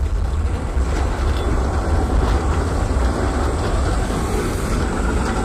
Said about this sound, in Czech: Od roku 2010 jezdí ulicemi naší metropole vozy typu 15T, které byly jako první kompletně nízkopodlažní. Praha jich získala celkem 250 a staly se jednou z novodobých dopravních ikon města.